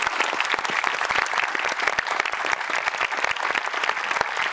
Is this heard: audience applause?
yes